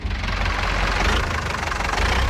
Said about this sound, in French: Et là, on entend le moteur d'un tracteur Renault, puisqu'il y a des gens de la Confédération Paysanne aussi.